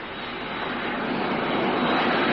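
A steady, broad rushing roar of an airplane passing overhead, growing slightly louder over a couple of seconds, with no voices.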